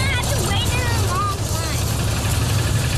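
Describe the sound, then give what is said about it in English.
A steady low rumble of idling car engines from a line of cars stretching around a corner near a school fills the scene continuously, with voices chattering over it and outdoor bustle throughout. “steers his black, blue, and green bike past a line of cars stretching around a corner.”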